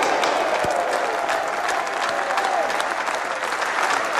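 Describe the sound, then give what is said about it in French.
An auction crowd at the Hospices de Beaune wine auction in Beaune applauds loudly and steadily as a barrel of wine is sold for 400,000 euros. A dense wash of clapping with scattered shouts and cheers runs through the whole stretch. “On va tous crier ensemble, adjugé, vendu.”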